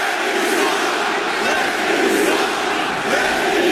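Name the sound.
crowd booing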